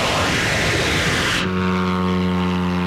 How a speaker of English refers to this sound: The soldiers rev up the engine, and then comes a flash of fire. The drone flies up into the night sky. Drone number three. One after another, more drones are launched.